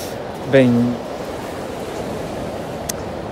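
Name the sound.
sea waves breaking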